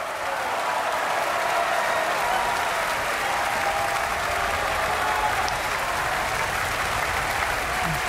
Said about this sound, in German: Das ist der Applaus für Georg Niegel, der hier die Titelrolle gesungen hat. Und jetzt fehlt eigentlich nur noch der Dirigent dieses Abends, Ingo Metzmacher, hier auf der Bühne in der Felsenreitschule, gemeinsam mit dem ORF-Radiosymphonieorchester